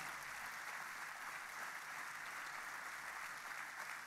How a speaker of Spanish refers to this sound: Fuerte ese aplauso a ese nombre.